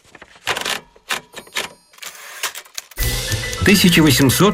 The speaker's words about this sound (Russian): 1868 год. В мире впервые застучала пишущая машинка со знакомой нам клавиатурой. Авторы патента – журналист Кристофер Шоулс и механик Карлос Гидден.